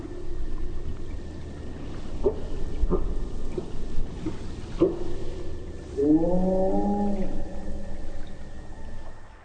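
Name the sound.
whale calls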